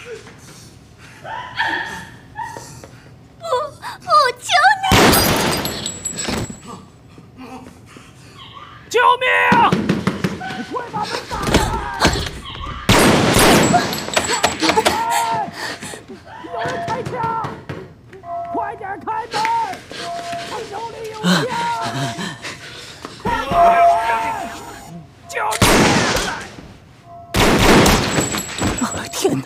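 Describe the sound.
Loud bursts of gunfire from a man shooting at everyone erupt several times, short rapid volleys spaced a few seconds apart, with people talking anxiously in the gaps between them.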